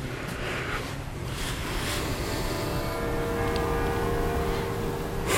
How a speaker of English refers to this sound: That's the bells of the church you're hearing through the opening. It's the city hall. Hmm? It's the bells of the city hall.